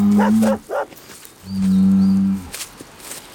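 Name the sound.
bull mooing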